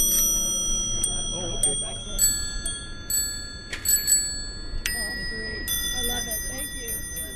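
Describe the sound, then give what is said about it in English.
Several vintage bicycle bells on old three-speed bikes ring in an irregular, overlapping scatter of bright metallic dings, their tones lingering, over a low murmur of people talking, during the Lake Pepin 3-Speed Tour ride. “Plus, they've got holders for flasks and tobacco pipes and vintage bells.”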